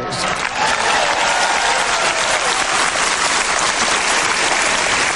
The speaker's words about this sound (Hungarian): Tapsoljuk meg Istent.